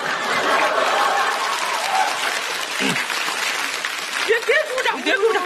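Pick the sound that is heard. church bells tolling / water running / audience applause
audience applause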